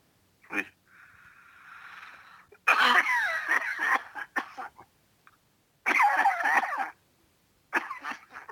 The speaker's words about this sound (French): T'as une sacrée toux, hein.